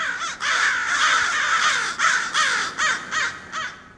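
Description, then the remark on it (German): Several crows caw loudly and harshly in overlapping bursts, a raucous chorus that swells and then breaks into separate rhythmic calls near the end, with no voices. “Repräsentative Umfragen haben ergeben, 95,9% der Hallenser Krähenpopulation empfehlen Radio Korax.”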